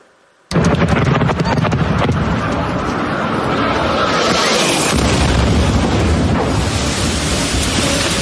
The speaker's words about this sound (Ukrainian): Ці кадри випадкові перехожі зняли за секунду до вибуху. Гучний свист реактивного двигуна, паніка та люди, які пригинаються, закривають голови руками і намагаються сховатися від уламків просто неба на вулиці. Це столична Солом'янка сьогодні